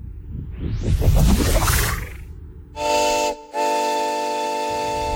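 A steam train hisses and rumbles at Great Bookham with a rising whoosh, then its whistle shrieks loudly in two blasts, a short one followed by a long, steady one. No one speaks.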